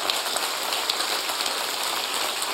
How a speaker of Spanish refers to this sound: Alábele con sus palmas.